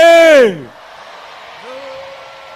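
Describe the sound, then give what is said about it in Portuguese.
A crowd of women in Matutwini, Maputo, lets out a loud, brief shout together to help the men's call, their pitch sliding downward before it breaks off into quiet background noise and a faint voice. “Vamos agora gritar, mulheres, vamos ajudar os homens.”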